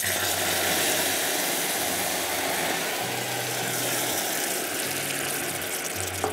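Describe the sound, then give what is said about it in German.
Amber caramelized sugar sizzles and hisses steadily as red wine is poured in to deglaze it, steaming strongly, a dense, even crackling wash that holds at a fairly loud level, with a low humming drone beneath and no talking. “Jetzt lösche ich das ab. Vorsicht, das dampft sehr stark.”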